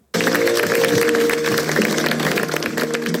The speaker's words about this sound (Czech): Poctu mu lidé vzdali ještě před smutečným obřadem v katedrále svatého Patrika potleskem.